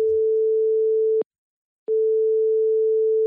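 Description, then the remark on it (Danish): A steady, mid-pitched telephone ringing tone from an outgoing call to Realdania's communications and campaign chief: one long beep, a short pause, then the tone starts again. It is clean and electronic, with no voices. “Jeg ringer til Christine Viren.”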